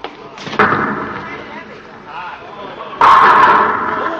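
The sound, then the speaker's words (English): A bowling ball thuds onto the lane and rumbles along for a few seconds, then smashes loudly into the pins, knocking them all down, with a bright, clattering crash that rings on. “Oh, I knocked them all down.”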